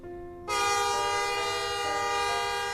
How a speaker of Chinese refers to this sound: 汽笛声响，火车启动，驶向一个没有蒲公英的地方。